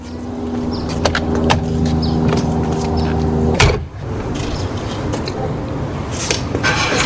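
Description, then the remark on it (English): A car engine hums steadily, then a single loud thump like a car door shutting cuts through, followed by muffled road noise as the vehicle rolls on. Buddy Collette is taking a drive through his old neighborhood. “Collette took a drive through his old neighborhood and recalls those early days.”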